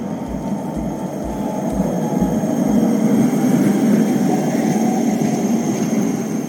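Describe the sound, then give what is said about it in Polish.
A tram in Kraków rumbles steadily along worn rails, a loud low grinding roar of up to 90 dB that swells slightly and holds, with faint high metallic squeal above and a rhythmic low thumping underneath. “Przejazd tramwaju to nawet 90 dB.”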